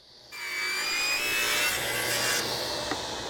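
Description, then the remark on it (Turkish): A steady, continuous rasp of a saw cutting through roof plywood down to the original unrotted redwood, starting abruptly and holding a bright, hissing tone with faint high whining overtones, no voices present. “Çatı sorununu çözebilmek için kontrplağı çürümeyen orijinal kızıl ağaca kadar kestik.”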